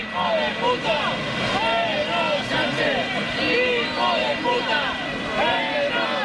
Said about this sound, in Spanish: Son las lindezas, los cánticos, los abucheos al presidente del Gobierno, de los que se autoperciben como muy patriotas, que han decidido que tienen a bien lanzar estos cánticos contra la persona que representa a la presidencia del Gobierno de España